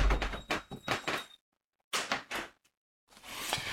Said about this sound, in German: Ach, Entschuldigung, ich musste gerade mal ganz geschwind die Fenster zumachen.